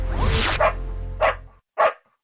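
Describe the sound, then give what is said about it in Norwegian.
A happy dog, one not used for cosmetics testing, barks three times in short, bright yips spaced about half a second apart, fairly loud, over a low rumbling background that cuts out before the last bark. “Du hørte lyden av en glad hund, som ikke blitt brukt til testing av kosmetiske produkter.”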